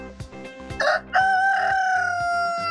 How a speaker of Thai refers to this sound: chickens แน่นอนครับใช้คำนี้นะ chicken แต่ถ้าเป็นตัว rooster ถูกต้องเรียกว่า rooster